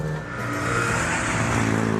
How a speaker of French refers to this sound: Je connais cette boîte de vitesse. Cette voiture est un régal. J'adore le bruit des boîtes à taille droite. Ah oui. C'est inégalable.